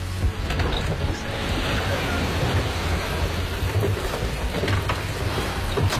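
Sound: ocean waves crashing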